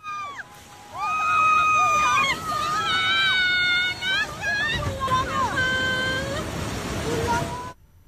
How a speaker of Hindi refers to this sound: नदी में एक बार फिर से पानी का बहाव बहुत ज्यादा बढ़ा और उसके बाद सस्पेंशन बह गया और गोरखा को थानिंग से जोड़ने वाला ये सस्पेंशन पुल बह गया। तेज जल प्रवाह से नदी से मिनटों में समाया ये पुल। आप देख सकते हैं पानी के तेज बहाव में कैसे आप इसे बहाकर ले गया।